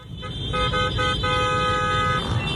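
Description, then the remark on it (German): Several motorcycle horns blare in short overlapping toots, then one long sustained blast, over a steady low rumble of engines and street traffic, as dozens of Paris Saint-Germain ultras on motorcycles, carrying flags and flares, speed along the Champs-Élysées past the Eiffel Tower in Paris on a Thursday evening in scorching heat. “Auf Motorrädern und mit Fahnen und Bengalos in den Händen sausten Dutzende PSG-Ultras am Donnerstagabend schon mal über die Champs-Élysées und am Eiffelturm vorbei.”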